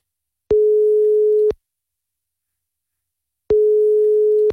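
Telephone ringback tone on an outgoing call: two steady, mid-pitched electronic tones, each lasting about a second, separated by a long silent pause. No voices.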